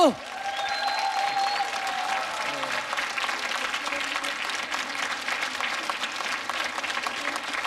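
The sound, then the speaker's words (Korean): Audience applause at the end of a six-hour complete singing performance, a dense steady clatter of many hands clapping that holds at an even level throughout, with a brief tonal sweep and some faint voices at the start. “박수!”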